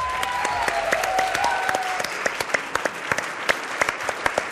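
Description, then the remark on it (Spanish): A crowd applauds steadily for science communicator Martín Bonfil, with dense, overlapping claps that thin into scattered individual claps toward the end, with a few faint whistles early on. “Denle un aplauso a Martín Bonfil, por favor.”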